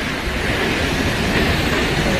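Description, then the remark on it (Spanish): A tall horsetail waterfall with a 222-metre drop into a rock cirque, in a natural park on the border of Álava and Burgos near the Orduña pass, roars in a steady, dense wash of white noise, loud, with no breaks or changes in intensity and no voices. “El sitio en sí ya es espectacular, pero claro, si ves caer esa cola de caballo, esa cola de agua, pues más todavía. Bueno, que mira cómo suena, es que mira cómo suena.”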